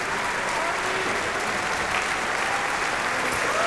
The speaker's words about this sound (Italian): Ecco intanto gli applausi per Francesco Ivan Ciampa, però non è per l'orchestra.